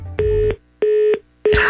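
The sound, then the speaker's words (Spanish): A phone line tone after a call hangs up: three steady, mid-pitched beeps of equal length with short even gaps between them, the last one overlaid by a burst of hiss. “No manches, ya colgó.”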